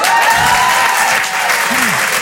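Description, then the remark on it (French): A stand-up comedy audience claps steadily and loudly for a couple of seconds after the comedian announces he now has his own Parisian apartment, a dense wash of applause with a faint voice or cheer rising briefly near the end. “Vous venez d'applaudir un appartement parisien?”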